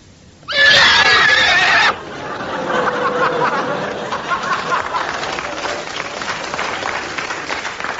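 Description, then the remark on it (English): A loud horse whinny from a white horse rings out for over a second, shrill and wavering, then gives way to a steady wash of audience clapping and laughter. “Some of you may be wondering why I'm sitting on this white horse and wearing a black mask.”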